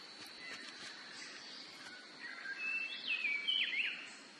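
Many kinds of birds chirp and whistle over a steady hiss of forest ambience as they gather to eat fruit in giant oak trees in cloudy, misty highland jungle, with bright, sweeping calls growing busier toward the end. No one speaks.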